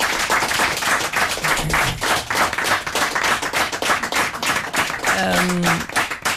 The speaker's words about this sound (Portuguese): uma salva de palmas. Um aplauso para eles.